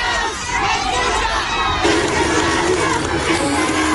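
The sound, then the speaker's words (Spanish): A loud crowd shouts and jeers continuously, with overlapping voices forming a dense roar; scattered clapping from supporters is mixed into the din, which grows fuller halfway through, as the president of Chile leaves a theatre in La Serena, Chile. “A la salida del Teatro Senenense, Cas fue despedido con gritos y pifias, los cuales se mezclaron con algunos aplausos de adherentes hasta la partida del mandatario al aeropuerto de La Serena.”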